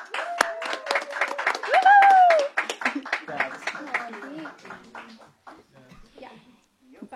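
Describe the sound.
An audience breaks into loud, dense applause mixed with cheers and a rising whistle-like shout, then the clapping thins and fades out while voices carry on.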